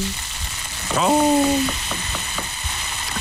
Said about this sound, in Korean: 동태전, 녹두전, 산적꼬치, 동그랑땡 부치는 소리 아니겠습니까?